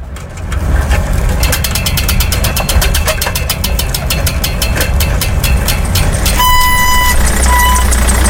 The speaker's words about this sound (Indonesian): Itu kok ada mobil mesinnya nyala? Tapi orangnya seperti sakit ya? Jendelanya terbuka lagi.